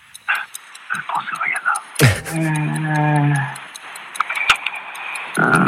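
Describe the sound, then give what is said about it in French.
A steady, evenly paced clock ticking runs throughout as a countdown effect while a quiz contestant thinks over an answer, joined midway by a sustained musical tone, with bits of voice and other sounds around it. “Tic-tac, ça réfléchit.”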